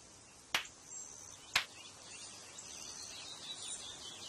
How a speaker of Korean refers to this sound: 아, 박수 치시면서 네. 막 쫓으시는 거예요? 네. 담비가 참 명확한 게 저렇게 박수 치니까 사람인지 다 확인을 하고 도망가요.